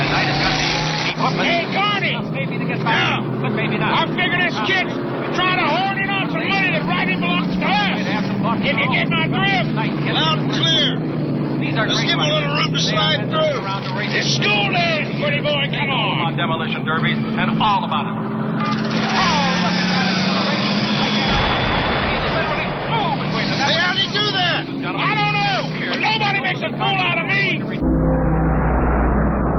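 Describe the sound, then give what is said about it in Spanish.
Race car engines at a NASCAR stock car race roar and whine continuously, their pitch sweeping up and down as they pass, after one car has crashed and another continues racing, while a person talks over the din throughout. “Uno de los autos estrelló, pero el otro aún continúa dentro de la competencia.”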